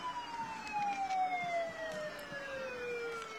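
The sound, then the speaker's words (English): A fire truck horn sounds in one long, loud, sustained blast during a parade, with kids riding on top of the truck, its pitch slowly sinking throughout, with faint outdoor background noise beneath it. “See, those kids on top, I think they're regretting their choice to sit up there every time that horn goes off. That horn blows right in their face.”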